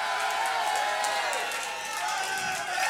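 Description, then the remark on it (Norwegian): A live concert audience claps and cheers in a steady, dense wash of noise, with scattered shouts rising from the crowd throughout the few seconds, at a concert being recorded for a live album. “Det av den ytterste nødvendighet at dere klapper og roper og skriker og synger med i tide og utide.”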